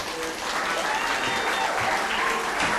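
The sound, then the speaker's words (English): A crowd applauds and cheers for Harvey Wasserman, a dense wash of clapping that holds at an even, loud level throughout, with faint shouts and cheers rising through it. “Please cheer this kind, compassionate, and courageous warrior, Harvey.”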